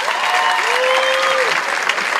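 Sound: applause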